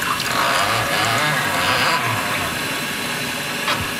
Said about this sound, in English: So we're going to pour just a little bit of warm water into the infusion chamber and let it steep for about 45 seconds. You can just purge the water right here.